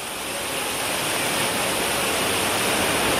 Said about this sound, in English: In Gujarat's Sabarkantha, torrential rains caused the Debhol River to swell rapidly, flooding low-lying areas. A car caught in the strong current was swept away as water levels surged.